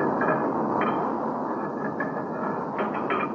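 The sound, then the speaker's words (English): A metal cover is shifted back over a furnace's charging hole, giving a few scraping metallic clanks over the furnace's loud, steady roar that continues throughout. “Let me replace this cover so we can talk in a normal tone.”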